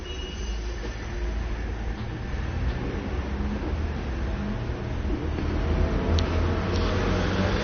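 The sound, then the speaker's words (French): Steady city traffic rumbles with a heavy low-end drone, swelling slightly as a 'service complet du transport' truck passes along Rue de Bussy in Saint-Germain, with no voices present. “Rue de Bussy passe un camion service complet du transport”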